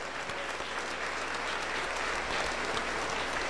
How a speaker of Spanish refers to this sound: Aplauso para el Señor Jesús. Gloria a Dios. Aleluya.